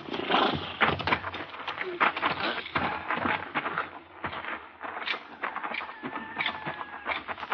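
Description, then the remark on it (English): A horse that is down in a corral with a broken leg whinnies and snorts amid loud, continuous scuffling and thrashing, with a thin drawn-out squeal near the end. “They got a horse tied down in there, Mr.”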